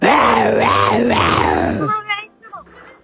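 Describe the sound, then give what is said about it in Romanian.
A person growls and roars like an angry lion, a loud, rough, wavering vocal snarl lasting about two seconds, followed by a few short, softer breathy sounds. “Leu nervos. Un leu nervos.”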